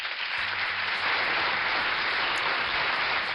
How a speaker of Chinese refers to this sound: 这个掌声是送给小蚯蚓的。